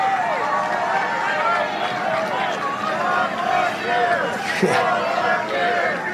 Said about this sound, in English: I said that yesterday and they start screaming, four more years.